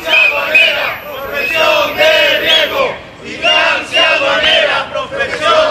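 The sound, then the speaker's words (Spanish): A crowd of Spanish Tax Agency (Agencia Tributaria) workers chants loudly in unison in front of the agency's office in Las Palmas de Gran Canaria during a one-hour partial strike, repeating a rhythmic slogan in two long bursts separated by a brief pause, voices strong and sustained throughout. “Así se han concentrado frente a la delegación de la Agencia Tributaria de Las Palmas de Gran Canaria en plena campaña de la renta.”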